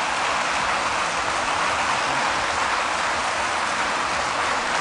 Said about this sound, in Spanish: Así que con la ovación a Pilar Garcés.